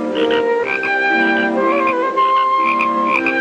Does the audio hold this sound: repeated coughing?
no